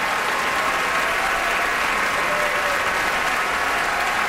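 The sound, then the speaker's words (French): The audience at the Met opera applauds at the curtain call as the singers step forward to bow, a dense, continuous wash of clapping filling a big hall, sustained and fairly loud without breaks for the whole stretch. “Vient saluer la foule à son tour, et la foule qui salue, bien sûr, Frida.”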